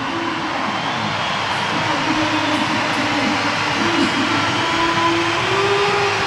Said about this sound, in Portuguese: Portanto, vai subir a placa, vai aparecer o número 7, a braçadeira vai para Bernardo Silva e o aplauso, vamos escutar o Municipal de Leiria.